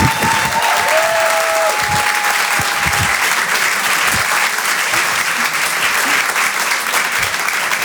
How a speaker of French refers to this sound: Je vous demande de l'encourager, de l'applaudir très chaleureusement.